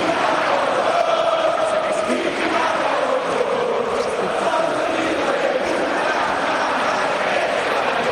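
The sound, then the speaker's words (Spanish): A huge stadium crowd chants an insult in unison at the head of Argentina's football association (AFA), a loud, continuous roar of many voices carrying a rough repeated tune that holds steady throughout, going on for several minutes. “al final de ese video se comienza a escuchar, ya como la gente comienza a esbozar, el famoso Chiqui Tapia botón”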